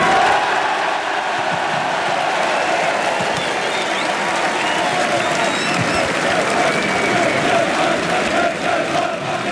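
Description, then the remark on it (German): About 13,500 SC Paderborn fans in front of the Paderborn town hall cheer and applaud for promotion coach Ralf Kettemann, celebrating promotion to the Bundesliga with the team, in a loud, steady roar for about ten seconds, with scattered shouts rising out of the dense clapping and no break in the noise. “Ja, das war der Jubel für den Ausstiegstrainer, für Ralf Kettemann.”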